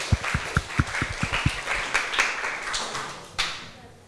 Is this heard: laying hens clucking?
no